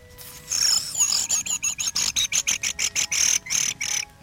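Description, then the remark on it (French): A quick, steady run of high, shrill thrush calls, about fifteen sharp chirps in rapid succession, fairly loud with no talking over them. “C'est grives.”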